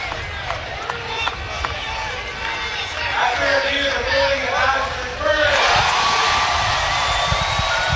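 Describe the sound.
A large stadium crowd murmurs with voices mixed in, then erupts into a sudden, loud roar about two-thirds of the way through that stays strong to the end, reacting to a replay review verdict confirming a play.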